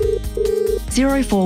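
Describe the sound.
A telephone rings with two steady electronic tones, a short one then a longer one, clear, followed by a brief gliding voice-like sound.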